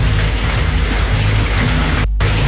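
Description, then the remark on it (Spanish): Heavy rain pours down on the coast of Curicó, Chile, in a dense, steady roar of hiss that fills the whole clip, loud, with a low hum underneath and a brief dropout near the end. “Oye, se nota, está lloviendo fuerte, oye.”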